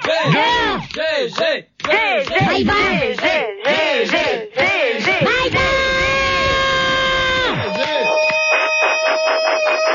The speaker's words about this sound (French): Arrête de crier.